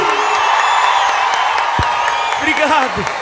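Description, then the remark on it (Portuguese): A crowd applauds and cheers in a dense, steady roar of clapping, with whoops and shouted voices rising above it near the end. “Pode aplaudir”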